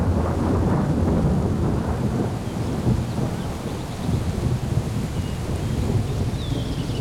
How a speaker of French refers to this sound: Eh ben dis donc, la chance est de ton côté. L'orage s'est déplacé au dernier moment. On n'a reçu que quelques gouttes.